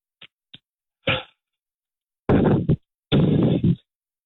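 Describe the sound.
A voice imitates the heavy mouth breathing of someone on a phone call or gaming headset: two tiny clicks, a short breathy puff, then two loud, harsh, noisy exhales that sound distorted and crackly, with no words spoken.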